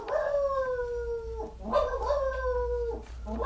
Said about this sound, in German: Ja, da bellt schon wieder Ernest. Ernest? Wieso Ernest? Der bellt doch immer gleich, der Hund.